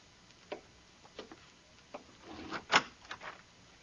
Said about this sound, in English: It's them, Cole. All right, Bob, open the door for them.